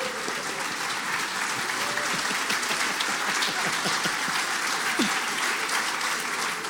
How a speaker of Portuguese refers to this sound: Aplaudiram, que legal.